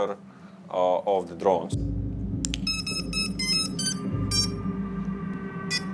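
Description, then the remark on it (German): A drone video detector alarm beeps in repeated high-pitched electronic pulses over a steady low hum as a drone approaches, following a brief burst of voices at the start. “Sobald sich eine Drohne nähert, höre ich einen Alarmton und kann das Videosignal abfangen, obwohl das ja nur für den angreifenden Piloten gedacht ist.”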